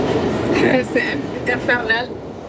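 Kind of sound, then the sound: vehicle, subway train running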